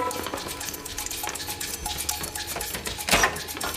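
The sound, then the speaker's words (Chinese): A hairpin scrapes and clicks inside a drawer lock in quick, irregular metallic ticks during a timed contest to open the drawer first. A sharper, louder click lands near the end as the lock opens, in 7.4 seconds. No one speaks. “这是什么？ 撬锁工具。 哦，我不用，我有自己的工具。 谁先打开抽屉谁赢。”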